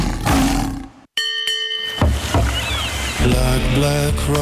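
A loud, rumbling lion roar fills the first second, followed by a bright chiming ding and then a busy stretch of music.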